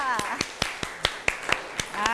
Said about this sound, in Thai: ขอเสียงปรบมือให้เพื่อน